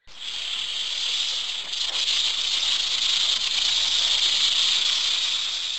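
A snake hisses in one long, unbroken breath, fairly loud, a steady airy rasp that holds for several seconds as it slithers closer, with no talking.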